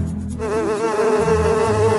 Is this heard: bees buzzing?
yes